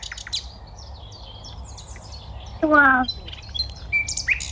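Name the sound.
nightingale singing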